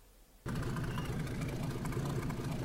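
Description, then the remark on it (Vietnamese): A steady, loud engine rumble starts abruptly after a short quiet moment and keeps droning evenly with a low throbbing hum, as fishing boats come in one after another to dock at the Sông Đốc river mouth in the early morning after a sea trip. “Sáng sớm tại cửa biển Sông Đốc, tàu cá nối nhau cập bến sau chuyến biển.”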